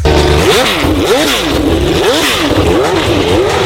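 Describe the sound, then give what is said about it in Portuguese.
A loud Formula 1 racing engine revs hard in repeated rising and falling sweeps, about four quick surges of acceleration, continuous with a gritty mechanical roar and no voices. “É hora de falarmos de esporte e a gente começa acelerando.”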